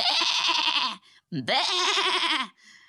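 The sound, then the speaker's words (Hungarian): A lamb standing on the steps of a hut bleats twice, two loud, quavering cries of about a second each, the second starting with a rising pitch, with a brief pause between them and no talk over them. “Fölállt a bárány a lépcsőre, onnan kiáltotta.”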